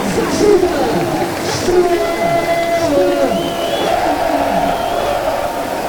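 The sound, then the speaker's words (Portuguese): A large crowd at the Estádio José Gomes in Reboleira, Portugal, chants "estrela" in unison before a Sporting football match, sustained sung tones rising over a dense, steady roar of many voices that stays loud and unbroken throughout. “gritos de estrela, estrela, estrela. Neste estádio José Gomes na Reboleira, um estádio que nos faz viajar na história de muitos anos de grande futebol.”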